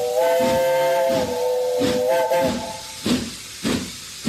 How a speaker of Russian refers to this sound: И как-то совсем иначе, радостно и как будто испуганно, звонко крикнул паровоз, трогаясь в путь.